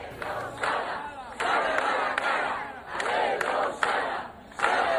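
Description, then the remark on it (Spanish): About 200 residents of Mos chant in protest in front of the Government subdelegation in Pontevedra, loud repeated shouted phrases rising and falling in a steady rhythm, each burst of massed voices followed by a brief dip before the next. “Esto gritaban los cerca de 200 vecinos de Mos, que se han concentrado hace unos minutos ante la subdelegación del Gobierno en Pontevedra para reclamar respuestas a las demandas que el concello y los colectivos vecinales reivindican desde hace años”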